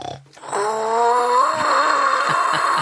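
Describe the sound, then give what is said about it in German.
A deep, rumbling snore-like drone with harmonic buzzing, sustained for over two seconds, imitating a dinosaur snoring by blowing into a plastic bottle; no talking over it. “irgendwas in der Lachlaborkiste, mit dem man Dino-Schnarchen nachmachen kann? Also ich habe hier so eine Plastikflasche.”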